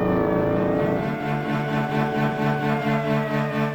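Police cars and motorcycles roar past on a deserted street on a quiet night, a loud, sustained engine drone with a high whining edge that holds steady and pulses slightly throughout, with no voices.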